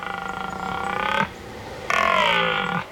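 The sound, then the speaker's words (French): A red deer stag (Cervus elaphus) bellows twice at night in a forest, two long, rough, harmonic roars separated by a short pause. The second roar is slightly louder, with no voices present. “C'est le cerf Elaf. Le Cervus Elaphus en latin. Un mammifère ruminant vivant en forêt.”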